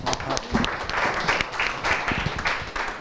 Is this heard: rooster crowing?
no